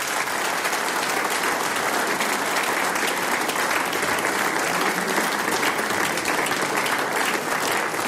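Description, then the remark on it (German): A large audience applauds steadily for a trio of musicians after their performance, the dense clapping holding at a loud, even level throughout the eight seconds with no pause or fade. “Das ist euer Applaus.”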